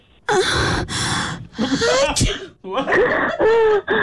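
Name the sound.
someone sneezing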